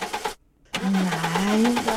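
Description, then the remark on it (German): A car engine cranks but fails to start: a short burst of rhythmic churning, a brief pause, then a longer, loud, strained grinding whine from the starter. “Ich verspreche dir, danach bringe ich dich in die Garage. Lass mich nicht im Stich.”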